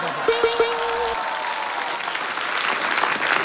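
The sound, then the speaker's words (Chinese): A crowd breaks into applause for a poem titled 'Tian Ta' (Heavenly Tower), a dense wash of clapping that holds steady throughout, with a few sharp knocks and a brief low tone at the very start. “我鼓掌吧。”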